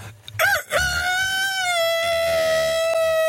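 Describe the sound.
A person imitates a rooster's crow: a short rising yelp, then one long, loud, drawn-out tonal cock-a-doodle-doo that holds steady for several seconds, with no other talking.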